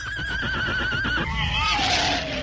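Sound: horse neighing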